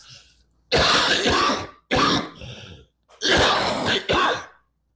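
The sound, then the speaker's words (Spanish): A person with a cough coughs and clears their throat in several loud, harsh bursts, grouped in two clusters with short pauses between, and no talking. “Perdón, pero ando un poquito con tos.”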